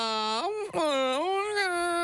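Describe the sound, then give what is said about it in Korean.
A baby wails in a long, mournful cry, its pitch sliding down and rising again after a brief catch of breath, loud with no other voices. “왜 이렇게 아기가 슬프게 올까요?”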